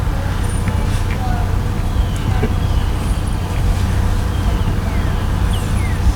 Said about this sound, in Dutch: Die auto had ook een beste dreunen had.